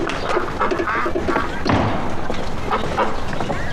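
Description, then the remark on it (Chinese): Two penned ducks quack in short, repeated bursts as they are fed, mixed with soft thuds and shuffling as they peck at food, over a steady busy background. “哎，这是喂鸭子呢。”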